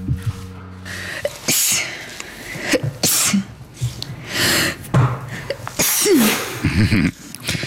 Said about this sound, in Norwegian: Jeg kvelte nettopp et nys for å ikke vekke min bedre halvdel som hadde tatt seg en cowboystrekk.